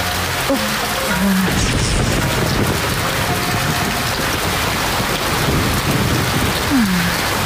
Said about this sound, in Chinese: 下雨了，这雨水来得急，我们躲躲雨去。